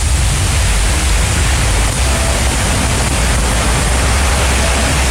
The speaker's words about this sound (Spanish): Tal cual llueve en la perla del Maule. Fuerte, ¿eh? Uy, pero esta es una nube. Solo sin duda una nube la que va pasando por ahí en la zona costera de la perla del Maule. Me refiero a Constitución